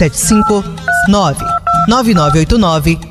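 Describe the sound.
A telephone sounds in short, steady electronic tone bursts, three or four in quick succession, heard clearly over a lively voice that runs throughout.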